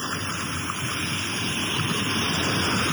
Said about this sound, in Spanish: Así estamos por acá en este día. Las olas, pues, no muy pronunciada, un poquito fuera de lo común. No hay viento. Podemos observar muy poco viento tenemos por acá.